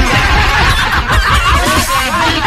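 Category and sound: bird, hens clucking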